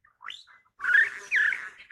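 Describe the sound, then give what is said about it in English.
A satin bowerbird's song: a quick upward whistled chirp, then two loud, harsh buzzing phrases with a rapid electronic rattle, ending in a short burst. No one speaks. “And that high-speed electronic buzzing sound, that's the exotic song of a satin bowerbird, the male shimmering black with violet-blue eyes.”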